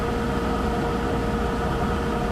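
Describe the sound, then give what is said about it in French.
A truck engine, trying to start, drones in a steady, continuous rumble with a rough, noisy texture, holding at an even loudness throughout without any pauses or bursts. “Un camion qui veut démarrer et après il se démonte.”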